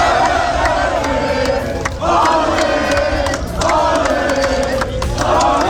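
A dense crowd of Spanish football fans, celebrating Spain's 1-0 World Cup final win over Argentina, sings and cheers continuously around the stadium and fan zones, a loud, sustained roar of voices with rhythmic chanting that swells in waves, briefly dipping around two and three and a half seconds.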